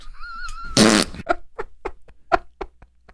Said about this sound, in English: I mean, the worst thing that's ever happened to me on an airplane was a couple of weeks ago when some dude farted